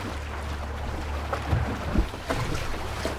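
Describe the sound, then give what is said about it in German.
A sailboat, modeled on traditional Pacific canoes, sails steadily and perfectly straight ahead, steering itself with no one touching the rudder, on a sunny day, with a constant low rumble of wind and hull noise and a few soft splashes and knocks against the boat. No one speaks. “Die steuert sich gerade selber.”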